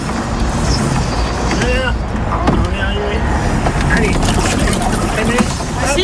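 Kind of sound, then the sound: vehicle, boat engine running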